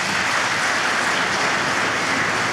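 A concert audience claps steadily for a few seconds for a performing ensemble at a concert of the show Prijatelji, ostanimo prijatelji, a dense, loud wash of many hands with no pauses and no voices standing out.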